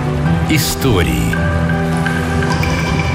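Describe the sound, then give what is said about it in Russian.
A brief watery splash of an anchor dropping into water sounds near the start, followed by dripping liquid noises beneath a voice speaking over a musical background. “Бросай якорь. Все, приплыли.”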